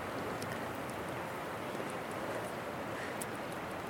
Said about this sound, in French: On entend la rivière. C'est trop bien.